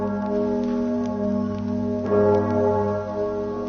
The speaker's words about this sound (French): Les cloches de Notre-Dame de Paris précèdent la voix officielle qui va parler au nom de la France.